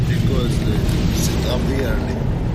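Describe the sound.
Steady low rumble inside a car carrying a young Palestinian patient and his father to a hospital in Israel, a continuous engine and road drone at an even level, with faint indistinct voices in the background.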